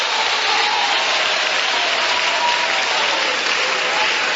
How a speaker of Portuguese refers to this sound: Desocupem as suas mãos, batam palmas e glorifiquem a Jesus.